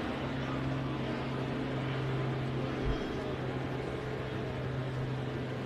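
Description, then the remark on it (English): A helicopter drones steadily over the center field side of a baseball stadium during a game, a constant low engine hum with a broad wash of noise that holds at an even level throughout, heard over open-air ambience. “Handley takes outside for a ball as a helicopter goes over the center field side of the stadium”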